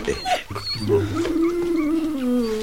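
A dog growls, a loud, low rumble that holds steady for a couple of seconds with a slight waver in pitch, with no voices over it.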